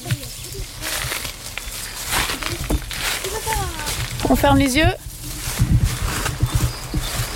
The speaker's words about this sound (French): Le bruit de la rivière? Là-bas. Non, il n'y a pas beaucoup de vent, c'est la rivière. Ça. Oui, c'est la rivière.